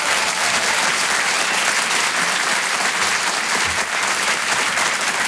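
Sustained applause from a large audience, a dense, steady roar of clapping at a fairly loud, even level for several seconds, with no voices standing out.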